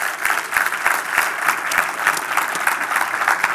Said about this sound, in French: On veut également accueillir nos deux églises, donc Terrebonne et Saint-Eustache, qui se joignent à nous. Est-ce qu'on peut les accueillir par une bonne main d'applaudissement?